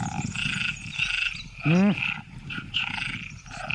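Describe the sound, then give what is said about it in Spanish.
A dense chorus of tree frogs croaking continuously, layered high and low, with one loud, deep, drawn-out croak bursting out near the middle above the steady calling. “Las hembras de ranas arborícolas tardan más en elegir pareja cuando oyen demasiados”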